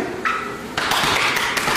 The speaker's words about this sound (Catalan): De fet, els cops aquests que escolteu no és que estiguin apallissant a ningú, és que, com ja sabeu, per mantenir la seva masculinitat ferma s'han de pegar molt fort l'un a l'altre quan s'abracen a l'esquena